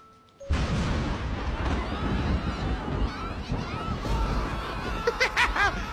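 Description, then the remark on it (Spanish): A sudden, loud thunderclap at 4 a.m. in Monterrey breaks the silence and rolls into a long, heavy rumble that lasts several seconds, with a brief burst of laughter near the end. “Alguien lo levantó el trueno de la madrugada.”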